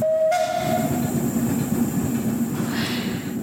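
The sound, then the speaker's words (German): A steam tram rolls along its rails with a steady rumble. A short whistle sounds at the start, and a burst of hissing steam comes near the end. No one speaks. “Die vom Dampftram sind glücklich und die Leute am Strassenrand, an den gezückten Handys an, offenbar auch.”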